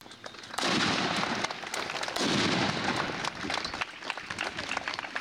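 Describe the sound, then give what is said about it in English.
Two loud ceremonial cannon blasts boom about a second and a half apart at the annual Memorial Day celebration in Thayer County, southeast Nebraska, each leaving a long rumbling decay, with heavy gusty wind and crowd noise filling the background. “including one in southeast Nebraska that featured commendations, a time capsule, and cannons”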